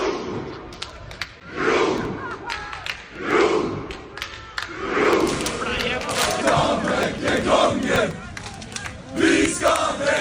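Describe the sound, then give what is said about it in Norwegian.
A large crowd shouts and chants loudly while scattered claps ring out at uneven moments, never settling into a shared beat, the roar staying dense and continuous throughout. “Folk klapper på forskjellige tidspunkt, folk aner ikke helt hva som foregår.”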